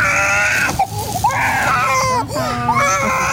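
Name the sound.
small child crying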